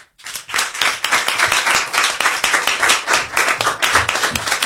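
Loud, sustained applause from an audience at a comedy show as the next comedian is called up, a dense wash of many hands clapping at once with a steady, crackling texture and no voices standing out.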